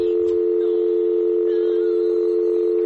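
A steady, unbroken telephone dial tone hums from a malfunctioning telephone just lifted off the hook by a TV presenter, a low continuous buzz that holds at even loudness for the whole stretch with no voices or interruptions.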